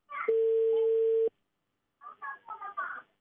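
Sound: telephone ringback tone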